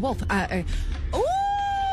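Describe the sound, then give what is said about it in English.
After a few quick vocal sounds, a person imitates a wolf howl: a single rising, then long sustained tonal wail that holds steady to the end, fairly loud. “When the wolf?”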